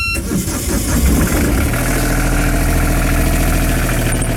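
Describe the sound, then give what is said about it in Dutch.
An old diesel engine of a wooden Wieringer aak fishing boat cranks and catches, then settles into a loud, steady, chugging idle with a deep rhythmic rumble, with no voices. “Want de oude dieselmotor is vervangen door een elektrische motor.”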